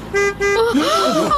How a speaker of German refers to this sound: Hört ihr das? Das ist ein Wagen. Doch nicht etwa. Da muss ich mal nachsehen. Ja, da hinten fährt tatsächlich ein Wagen durch das Zootor.